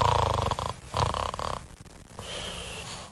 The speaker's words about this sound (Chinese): 大灰狼吃得饱饱的，肚子鼓得像小山一样，于是他心满意足地离开了山羊的家。他来到一棵大树下，找了个最舒服的位置躺下，不一会儿就打起了呼噜。